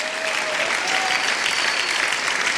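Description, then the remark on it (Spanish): An audience claps steadily in a dense, even wash of applause that holds at a constant loudness, with no voices standing out. “Bueno, no sé si entendió para que aplaudiera o porque por inercia estaba usted aplaudiendo.”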